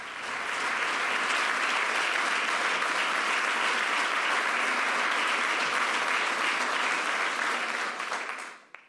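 Sustained applause from a large audience at the opening of the La Toja Vínculo Atlántico forum in Pontevedra, Spain, as King Felipe VI is on stage to give the opening speech; a dense, steady wash of clapping that holds at full strength for about eight seconds before quickly dying away.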